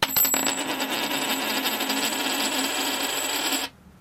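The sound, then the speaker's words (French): A coin is flipped for heads or tails and lands with a few quick clinks, then spins and rattles on a hard surface in a steady metallic whir for several seconds before stopping abruptly. “Alors on va régler ça à pile ou face.”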